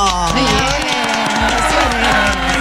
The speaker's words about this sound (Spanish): Es un placer recibir con fuertes aplausos a la señora, ovaciones.